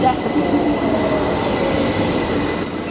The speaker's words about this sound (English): Even the train approaching is quite loud, it's about 85.